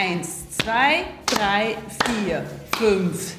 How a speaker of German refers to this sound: Also quasi so diagonal klatschen wir ab, auch 2-mal. Und dann das gleiche mit der linken Hand. Gegenüber, links klatscht auf links. Und dann geht es wieder von vorne los.